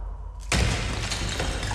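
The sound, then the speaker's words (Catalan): After a half-second of quiet, a stone thrown into a cave smashes a clay jar with a sudden loud crash, followed by a sustained clatter of breaking shards for over a second. No voices. “En Mohamed llança una pedra en una de les coves i sent el soroll d'alguna cosa que es trenca.”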